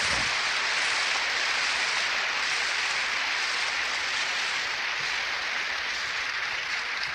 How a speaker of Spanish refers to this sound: Un aplauso a Jesús, divina Eucaristía.